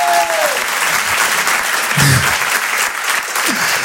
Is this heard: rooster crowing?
no